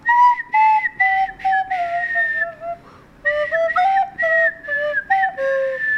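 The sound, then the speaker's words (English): Someone whistles a melodic tune, clear notes stepping up and down in short phrases, with a brief pause midway before the melody resumes. No talking. “this is …'s Wet Wednesday whistle. It goes something like this.”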